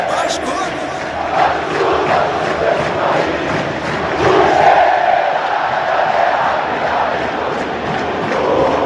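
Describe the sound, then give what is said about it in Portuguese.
A large crowd of Vasco da Gama fans in the stands at São Januário stadium sings the Clube de Regatas Vasco da Gama anthem after the match has ended, with the players on the pitch singing along. It is a dense, steady wash of massed voices with sustained melodic swells and rhythmic pulses, loud throughout with a slight rise midway. “E a torcida aqui na arquibancada cantando o hino do Clube de Regatas Vasco da Gama.”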